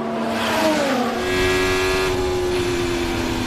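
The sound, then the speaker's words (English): Race cars roar past at high speed at the Miami Grand Prix, their engine tones sliding downward as they pass, with a loud, continuous whine of motors and crowd-like background noise and no talking. “Welcome to the Miami Grand Prix.”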